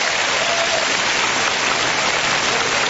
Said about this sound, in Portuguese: Batendo para Deus com as palmas. Glory to God.